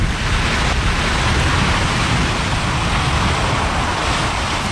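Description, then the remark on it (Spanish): A loud, continuous roar from a volcanic eruption, heard from far from the site, with deep rumbling low tones under a broad hiss that holds steady throughout, with no voices. “Eso sí, da causa miedo, la verdad. Suena fuerte.”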